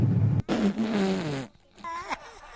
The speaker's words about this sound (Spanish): Entonces se me salió un gas y yo pensé que nadie lo había notado porque nadie lo escuchó. Pero la que traía auriculares era yo, no los demás.